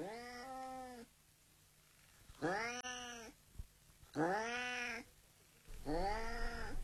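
A black tomcat lets out four long, drawn-out yowling meows, each rising and falling in pitch, loud, with short quiet pauses between them and no talking.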